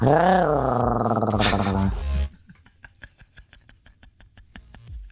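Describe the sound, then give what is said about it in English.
A person imitates a tiger's growl: a loud, rough, wavering vocal rumble for about two seconds, then it stops and faint, evenly spaced tapping follows. “My animal laugh for the day would definitely be a tiger.”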